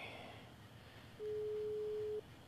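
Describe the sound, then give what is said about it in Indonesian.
A single steady phone busy tone sounds for about a second after a phone call disconnects, loud, over a faint low background murmur. No one speaks. “Terputus.”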